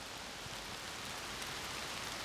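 Steady rain falls with a dense, even hiss, constant, with no voices or other sounds over it; the first rain after weeks of drought.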